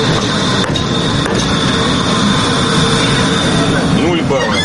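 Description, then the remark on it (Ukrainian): A tram rolls forward with a loud, steady rumble and a thin electric whine, ending in a faint rising squeal as it brakes smoothly to a stop at a marked line, the first test of a tram-driving competition. “Перше випробування – проїхати вперед і плавно зупинити трамвай на визначеній лінії.”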